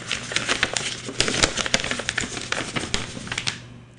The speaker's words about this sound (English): I think it's the sound effect for crackling paper. I don't know what it's supposed to be doing.